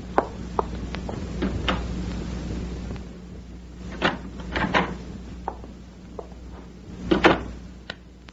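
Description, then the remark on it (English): A door opens as someone enters, amid a scatter of wooden clicks and knocks, with a louder clunk midway and another near the end, over a steady low hum and no voices. “Someone outside the door.”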